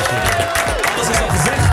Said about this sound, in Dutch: Dankjewel broski, we gaan je gewoon nog een applaus geven. Jullie dankjewel man.